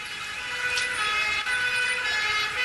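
Sirens of ambulances and police cars wail continuously as they converge on Whitehall, layered over the steady rumble of road traffic, with no voices present.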